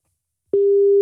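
A telephone ringing tone on a call to a landline: a steady, single-pitched electronic hum that starts abruptly after a moment of silence and holds loud, with no voices.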